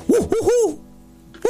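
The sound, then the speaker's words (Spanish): A person imitates an owl with three quick, rising-and-falling vocal hoots, fairly loud, then a brief quiet pause before another sound starts. “Muy bueno. Para el búho, eso estuvo bien.”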